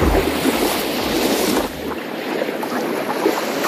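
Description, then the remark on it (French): A boat on a 1.5-hour sea excursion from a marina rides on the open ocean as waves wash and wind blows steadily. A low engine drone rumbles through the first half, then fades, leaving the broad rush of sea and wind. “Vous partez du port de plaisance de Socoburu à Andaille et ensuite vous profitez de l'océan sur ce bateau, donc l'Andaillé 2, 1h30 de balade pour prendre le large et pour se mettre aussi dans l'ambiance.”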